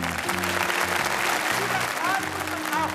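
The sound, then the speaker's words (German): An audience claps steadily and loudly throughout after a stage trick of catching a thrown egg, a dense continuous patter, with low sustained tones and a few brief high whistles rising over the applause. “Applaus alles.”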